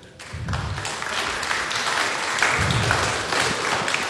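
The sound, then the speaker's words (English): An audience applauds steadily to show they enjoy hearing the kids lead the Lord's Prayer, dense overlapping clapping for several seconds, with occasional low thumps underneath and no talking. “Everybody who enjoys hearing the kids lead us in the Lord's Prayer, I want you to applaud right now.”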